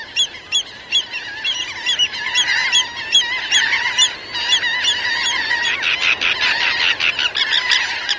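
A large flock of water birds on the Bolivar Peninsula calls continuously, a dense overlapping chorus of honking, goose-like cries with many quick repeated notes, fairly loud and steady throughout, with no talking.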